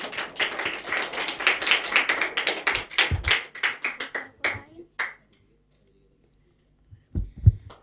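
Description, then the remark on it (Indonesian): A crowd claps in lively applause for a young performer about to sing, dense at first and then thinning into scattered individual claps before fading to silence, with a couple of soft low thumps near the end. “Beri tepuk tangan yang paling meriah untuk teman kita yang luar biasa ini.”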